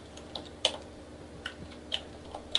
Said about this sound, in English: Who's typing?